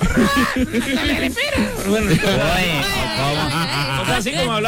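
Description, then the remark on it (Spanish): A parrot chatters and mimics speech in a busy, warbling stream of high, wavering voice-like sounds, fairly loud, running steadily with no pauses, with human voices mixed in. “Con los loros y empezó el loro.”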